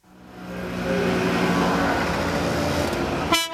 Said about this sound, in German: Der kleine Transporter knattert und stinkt.